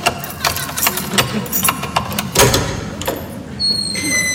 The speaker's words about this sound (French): Bon, attends, je vais ouvrir, j'ai mes clés,